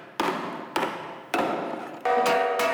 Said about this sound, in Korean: 망치질을 해가면서 이제 그 떨림을 조정해가지고서 우리가 이제 고유 징소리를 찾아나가서 이게 나에 맞는 징입니다. 이제 그 찾아나가면서 계속 하는 거예요.